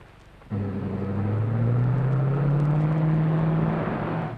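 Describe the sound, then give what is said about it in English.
An old roadster's engine kicks in abruptly and drones on steadily, its low hum climbing gradually in pitch as Mr. Kruger drives the roadster away. No voices are heard. “Well, it's Mr. Kruger driving the roadster.”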